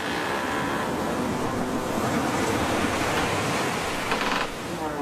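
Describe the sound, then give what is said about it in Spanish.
A huge ocean wave rises beside a ship and violently pushes it against the dock, in a loud, continuous roar of churning water with wind rushing over it. The heavy wash stays steady throughout, with no voices. “Como si hubiera escuchado la advertencia de Elías, una enorme ola se levantó junto al barco y lo empujó violentamente contra el muelle.”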